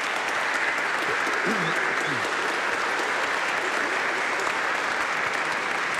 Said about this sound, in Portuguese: Uma forte salva de palmas para eles e elas.